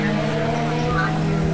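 An engine runs steadily with a constant droning hum and a smooth, unchanging pitch, loud, with no talking over it.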